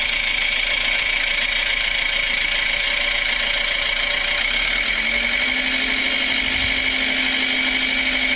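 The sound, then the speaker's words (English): A heavy tractor engine drones steadily with a knocking rumble as the tractor drives away. Its pitch shifts slightly partway through while the volume stays fairly constant, and no one speaks. “Looks like it's been doing a bit of work in the tractor.”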